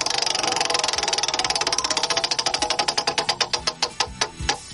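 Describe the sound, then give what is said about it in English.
A "Wheel of Topics" prize wheel spins with a rapid stream of sharp ticking clicks that gradually slow and spread apart until the last few clicks as it comes to rest; no one speaks. “I'm going to give it a spin. Right, here we go. Wheel of Topics.”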